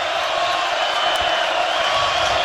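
A dense, steady roar of a baseball crowd cheering during a Nebraska baseball game, loud and continuous throughout with a broad wash of voices and scattered higher shouts and whoops rising out of it.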